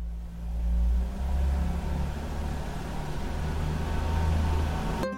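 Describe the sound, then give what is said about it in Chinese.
A car engine starts up and settles into a steady, low idling rumble, holding at a fairly even loud level for several seconds with no voices, as the car is left running in place for 3 to 5 minutes to warm up on a cold winter day after snowfall. “冬天气温较低，我得先打着火，让车在原地工作3到5分钟，这样能让汽车内部的润滑油与机械零件还有发动机更好的磨合，才不会损伤汽车。”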